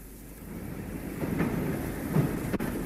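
A steady rumble of a passenger train with compartments rolling along the rails, with a few rhythmic wheel knocks standing out over the continuous low roar. No voices are heard.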